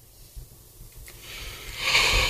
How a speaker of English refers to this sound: Oh, my Lord. Yawning already. I didn't get stretched out this afternoon.